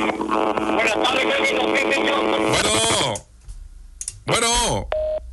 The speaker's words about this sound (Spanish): Bueno, pues se fue la comunicación. Es que el teléfono yo creo que le está fallando, ¿no?